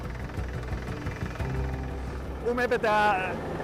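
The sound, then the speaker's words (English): A drilling rig drones steadily as a crew drills shallowly into permafrost on Pisner in the Alps, to install a thermosiphon beneath the summit station. Its low engine rumble is continuous throughout, with a brief higher-pitched mechanical whine rising over it near the end. “To keep the summit station on Pisner safe and stable, a crew is drilling for a thermosiphon, a system designed to slow the melting of the permafrost.”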